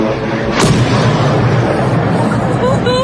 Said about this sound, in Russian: А вот в Орске, Оренбургской области, атаку беспилотников местные власти уже подтвердили. Под ударом оказался Орский НПЗ. Жители сообщают, что прогремела целая серия взрывов. Еще взрыв.